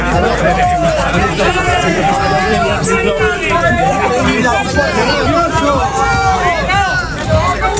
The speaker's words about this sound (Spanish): Esto es lo que pasaba fuera del teatro. Esto era abucheos